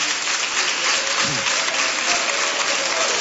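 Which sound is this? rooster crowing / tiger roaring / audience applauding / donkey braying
audience applauding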